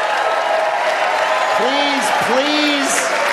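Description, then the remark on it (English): Steady applause from a crowd fills the whole stretch, loud and continuous, with a couple of rising and falling whoops or cheers cutting through midway. “Please do not clap.”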